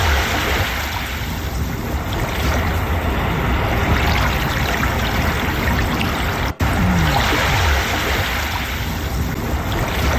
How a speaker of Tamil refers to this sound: கடல் அலை சத்தம், இது எப்போதுமே நமக்கு ஒரு பெரிய மன நிறைவை, மன அமைதியை கொடுக்கும்.